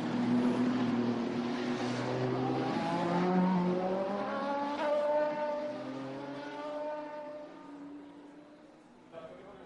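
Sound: racing cars driving past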